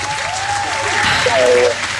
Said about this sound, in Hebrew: רק בשביל הזדהות איתך ניתן לך כפיים